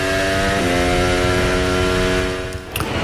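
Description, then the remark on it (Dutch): Formula 1 cars racing in Monaco at an outside temperature of almost 23 degrees, a loud, sustained high-pitched engine whine that steps up in pitch early on, holds steady, then drops away sharply near the end as a car passes. “We horen gewoon Formule 1-auto's racen.”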